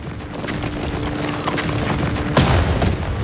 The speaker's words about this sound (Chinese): 哪来的枪声？ 一定是师长跟他们交上火了。